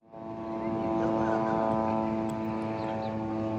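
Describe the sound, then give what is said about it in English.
A constant, steady mechanical whirr of Israeli military drones flying overhead in Gaza, a droning hum with a tonal whine that holds evenly throughout, fairly loud and with no pauses. “A Gaza that is frozen in ruins, with the constant whirr of Israeli drones flying overhead.”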